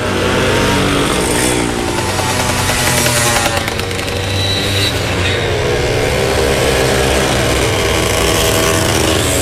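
Several old Czechoslovak-made motorcycle engines, such as Jawa and ČZ, rev loudly and continuously at a motorcycle rally in the Prievidza district of Slovakia, a dense, rattling roar with rising and falling pitch as throttles are opened and eased off, with no voices heard.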